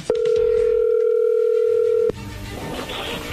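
A telephone ringback tone on an outgoing call: one loud, steady, mid-pitched electronic tone lasting about two seconds, then cutting off to faint background noise and murmur.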